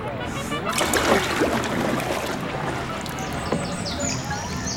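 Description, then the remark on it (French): Water laps and sloshes steadily against the hull of a small boat on a shallow, greenish lake at 2,000 metres altitude with canals and floating gardens. The splashing is continuous, with occasional brighter drips and gurgles. “J'ai beau tendre l'oreille, je n'entends rien à part le clapotis de l'eau.”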